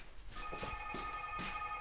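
A telephone rings with a steady electronic tone held for over a second, mixed with soft thuds and rustling background noise; no one speaks.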